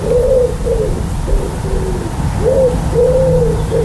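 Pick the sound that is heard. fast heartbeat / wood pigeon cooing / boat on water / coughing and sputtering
wood pigeon cooing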